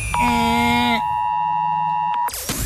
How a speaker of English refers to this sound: And then later on in the show, everyone is still talking about it. That's right, the Oz Alert Alarm.